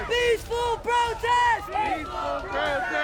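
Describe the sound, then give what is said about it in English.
A crowd of protesters against ICE raids in Los Angeles shouts and chants in loud, repeated bursts, voices rising and falling together in a rhythmic, urgent cadence, as members of the crowd are hit with batons and pushed. “They're starting to hit members of the crowd with batons.”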